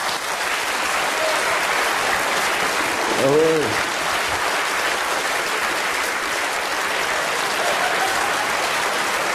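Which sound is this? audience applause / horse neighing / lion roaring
audience applause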